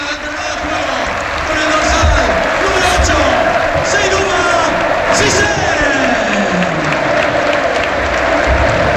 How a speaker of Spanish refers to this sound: La gente le aplaude, pues, jolín. Donado es un jugador querido en Butarque.